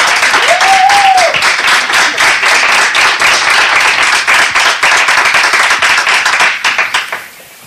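An audience at the Ayuntamiento de Canicosa town hall breaks into steady, dense applause that keeps up for about seven seconds, with a short whistle near the start, before the clapping quickly dies away.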